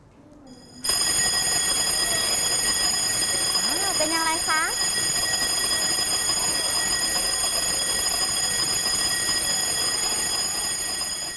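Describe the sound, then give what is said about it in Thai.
A fire alarm bell, the warning signal for a fire, rings loudly and continuously, starting within the first second and clanging on without pause to the end, with a woman speaking briefly over it early on. “ถ้าหากว่าเด็กๆนะคะได้ยินเสียงสัญญาณเตือนแบบนี้เราจะต้องทำยังไงคะเราจะต้องรีบหนีเลยนะคะเพราะว่าเสียงนี้คือเสียงสัญญาณเตือนอะไรคะ ไฟ ไหม้นั่นเองค่ะ”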